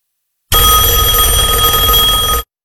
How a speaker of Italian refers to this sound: Finalmente, rispondo subito al primo squillo.